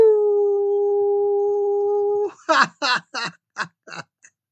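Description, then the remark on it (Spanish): A single long, steady howl held for about two seconds, loud, sounding like a person imitating it, followed by a quick run of short, choppy vocal bursts. “Por eso quiero enviarles un gran aullido.”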